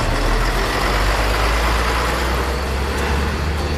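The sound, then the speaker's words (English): A mission truck's engine starts and roars to life, then holds a steady, loud, deep constant rumble with broad mechanical noise layered over it, staying at the same level throughout with no voices. “They all climbed in, the engine roared to life, and soon the little rescue team was bouncing this way and that as the truck made its way along the bumpy road.”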